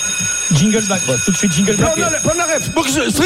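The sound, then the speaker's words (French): A bell rings at 8 a.m. continuously with a steady, shrill, high-pitched tone for the whole stretch, while several voices talk loudly over it. “C'est la sonnerie, Vincent, 8h du matin.”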